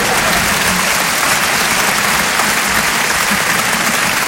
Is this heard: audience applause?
yes